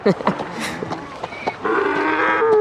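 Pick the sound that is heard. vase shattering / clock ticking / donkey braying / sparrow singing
donkey braying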